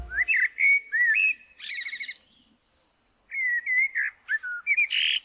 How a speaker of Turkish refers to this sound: Dinlediğiniz Bir Kara Tavuğun şarkısıydı.